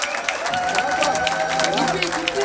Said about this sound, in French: Merci de les applaudir une nouvelle fois. Je veux vous entendre.